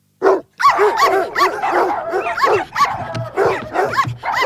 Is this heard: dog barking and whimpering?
yes